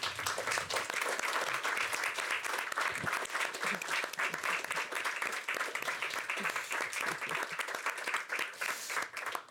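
Sustained audience applause, a dense wash of many hands clapping at steady loudness for the whole stretch, with no voices standing out above it.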